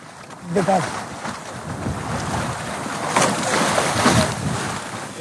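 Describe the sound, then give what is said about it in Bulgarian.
A moliceiro sailboat moving through choppy, unpredictable water against counter-currents during a race, with steady wind rushing and waves sloshing against the hull, plus a brief voice near the start. “Плаването с молисейро изисква умение и концентрация. Територията, водите тук са непредсказуеми.”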